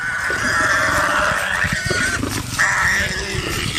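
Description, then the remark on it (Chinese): A wild pig squeals loudly and almost without pause, a shrill, strained cry that breaks briefly twice, over rough low grunting and thrashing noises as three hungry, thin lions attack and kill it for food. No one speaks. “管油猪怎么顽强抵抗，也摆脱不了被吃掉的结局。”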